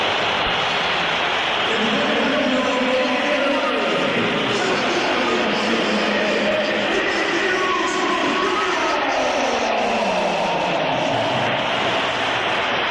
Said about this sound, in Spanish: Pierde la bola Vini. ¿Y qué pasa? Que le pitan y se levanta rápidamente José Mourinho. Y hasta hace 2 segundos estaba solo Mourinho aplaudiendo a Vinicius porque no le ha gustado al portugués los pitos del Santiago Bernabéu al brasileño.